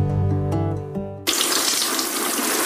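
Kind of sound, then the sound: household object, water pouring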